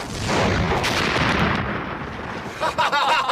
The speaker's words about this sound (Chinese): 果然几分钟之后，在临时机场方向便响起了震耳欲聋的炮声。